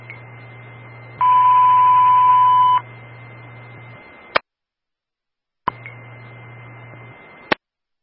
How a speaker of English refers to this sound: This is the evening Zetron test. All company stand by for the box alarm tone, followed by the evening radio test on channel 2, Bortle only.